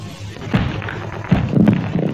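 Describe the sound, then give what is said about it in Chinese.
A couple of dull thuds, a person's head knocking against something solid in the pitch dark, land about a second apart over a low, muffled background rumble; no one speaks. “哎呦，我的脑袋！”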